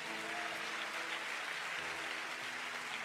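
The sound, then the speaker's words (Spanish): An audience applauds God in a steady, dense wash of clapping that fills the whole stretch at an even level, with no voices standing out. “Si puedes aplaudir a Dios, hágalo.”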